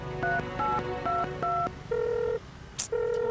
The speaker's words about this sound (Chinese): 快给刘总打电话呀